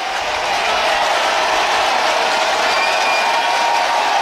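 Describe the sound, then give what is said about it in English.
A stadium crowd at Busch Stadium in St. Louis cheers and applauds, wanting a curtain call from Cubs player Velasquez after he tied the game, in a steady, loud, hissing roar that holds without a break for the full four seconds, with no voices standing out. “They want a curtain call from Velasquez.”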